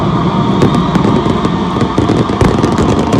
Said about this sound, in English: In the business, we call that Nat sound. Sounds like a great fireworks show. Yeah, right. Good finale right there. So this is happening in my hometown of Wauwatosa, where I grew up with thousands of others watching the fireworks every year